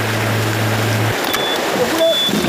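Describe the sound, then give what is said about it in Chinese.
A speedboat runs across open sea in the Wanshan Islands on a half-hour trip carrying workers to Sanmen Island, its low engine drone steady for the first second beneath a loud, continuous rush of wind and spray that carries on throughout. “快艇出发半小时”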